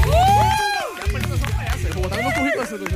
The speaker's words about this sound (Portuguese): Eu gostaria de uma salva de palmas para